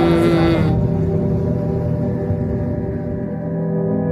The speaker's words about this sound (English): and when sometimes she comes and you know, let us listen this sound, like, and it's so disturbing. So that's the first thing that comes to my mind when I listen to this humming.